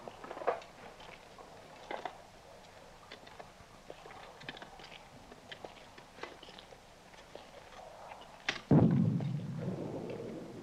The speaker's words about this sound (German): Horch mal. Artillerie. Aber noch sehr weit weg.